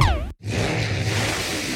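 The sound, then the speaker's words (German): A car engine revs with a rising and falling whine, cuts out abruptly for a moment, then returns as a loud, sustained roaring drone. “Du hast Benzin im Blut und gehörst zu den Frauen und Männern, die bei diesem Sound in Ekstase geraten?”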